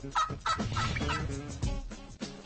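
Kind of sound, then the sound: bird, turkey gobbling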